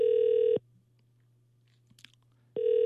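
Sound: outgoing phone call ringing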